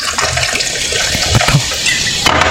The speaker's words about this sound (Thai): นี่ฟังเสียงเติมโซดา